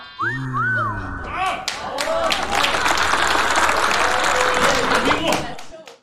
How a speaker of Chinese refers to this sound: 这诗的题目您各位听完了都得给我鼓掌。